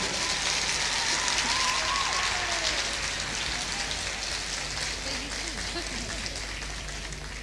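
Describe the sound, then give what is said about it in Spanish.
A crowd applauds a musician, guitarist and composer, clapping steadily for the full few seconds, a dense crackling wash of applause that tapers slightly toward the end, with faint voices murmuring underneath. “Fuerte el aplauso para esta gran figura.”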